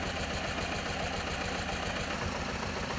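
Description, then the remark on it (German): A historic tractor engine runs steadily at idle, its low, rhythmic chugging pulses moderately loud, with a constant mechanical rattle and no voices. “Den größten Teil aber bilden historische Traktoren, bei denen man auch noch sieht, wie der Motor arbeitet.”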